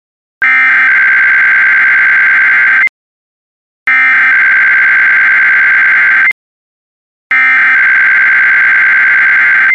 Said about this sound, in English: If this had been an actual emergency, important information or instructions would have followed the tones you just heard. This concludes this test.